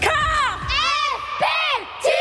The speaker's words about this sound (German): Danke fürs Schreien.